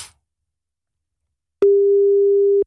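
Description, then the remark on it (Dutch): After a moment of silence, a single steady telephone ringing tone sounds for about a second, a clear mid-pitched electronic beep heard on an outgoing call to Stefan, with no voices. “Oh, wacht, hij gaat nu over.”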